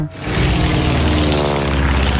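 A loud, steady airplane engine drone with a propeller buzz, holding at constant intensity after a brief swell at the start, with no voices present.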